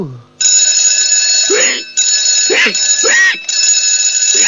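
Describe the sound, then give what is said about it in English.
An alarm clock rings loudly and steadily at 2 o'clock in the middle of the night, a bright sustained clang that briefly cuts out twice before resuming. Vocal sounds rise and fall over the ringing. “Why, that's no good alarm clock.”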